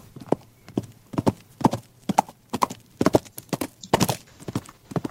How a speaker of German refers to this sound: Auf einmal galoppiert ein prachtvolles braunes Pferd vorbei.